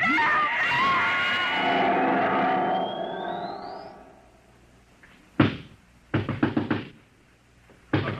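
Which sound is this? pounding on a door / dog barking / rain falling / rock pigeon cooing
pounding on a door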